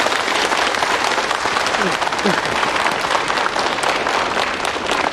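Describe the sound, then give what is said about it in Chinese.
Sustained, loud applause from a crowd, a dense steady wash of many hands clapping that holds evenly for the whole stretch, with a few faint voices mixed underneath. “现在呢，就让我们用最热烈的掌声欢迎江大师给我们提出宝贵的意见。”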